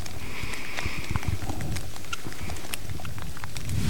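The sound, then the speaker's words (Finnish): Steady, even rain patters down with a dense spray of drops, picking up slightly in intensity over a few seconds into heavier but still moderate rain, at a radio checkpoint of a competition, with no voices present. “Sade tuossa hieman ehkä otti vähän vauhtia lisää niin sanotusti, eli kovempi sade alkoi, mutta vieläkin aika maltillista.”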